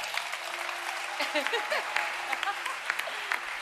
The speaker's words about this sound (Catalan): I res, moltes gràcies a tothom per venir. Un aplaudiment per als que estem aquí dalt.